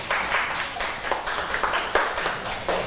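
Children clap their hands together in a brisk, slightly uneven round of applause, a steady run of sharp claps lasting a few seconds with a faint murmur of voices beneath.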